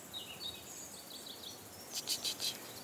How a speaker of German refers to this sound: Hörst du die Vögel?